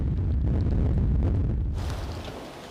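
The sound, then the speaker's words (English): A heavy, continuous roar of storm-force 8 wind on the North Sea at the German port of Emden, deep and rumbling as it buffets the microphone, easing slightly toward the end with no voices. “The winds have already reached storm force 8.”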